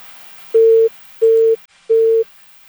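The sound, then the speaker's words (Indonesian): Three steady, evenly spaced beeps of a phone busy tone after a caller's line disconnects. Each beep is about a third of a second long, repeating in a regular on-off rhythm over faint background hiss. “Terputus lagi.”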